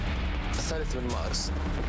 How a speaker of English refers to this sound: You would have heard this crackle of gunfire.